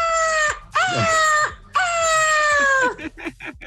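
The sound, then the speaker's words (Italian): A person imitates a seagull with a few loud, nasal cries that dip in pitch. A short squawk comes first, then two long drawn-out wails, with scattered clattering noise at the end. “cercavo di commentare il gabbiano di”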